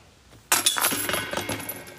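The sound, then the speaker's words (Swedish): A putter disc smacks into a disc golf basket for a birdie and the metal chains rattle and jingle in a bright, loud clatter that slowly settles over about a second and a half. No one speaks. “Gött rassel i korgen där”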